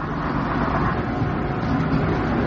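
A steady, continuous bus engine rumble heard from inside the vehicle, low and droning at an even loudness throughout, with no voices.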